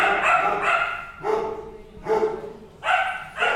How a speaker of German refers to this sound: Im Tierheim ist ganz schön was los. Die Hunde sind teilweise einzeln und teilweise grüppchenweise in Zimmern untergebracht. Kurz bevor sie ihr Mittagessen bekommen, sind viele von ihnen ganz aufgeregt. Es wird viel gebellt und herumgewuselt